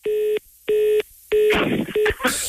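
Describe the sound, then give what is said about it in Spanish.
Telephone keypad dialing tones as someone dials to call the speaker's father: four steady electronic beeps spaced by short gaps, the last one shorter, with a burst of rough, noisy clatter overlapping the final tones. “Márcala a mi papá.”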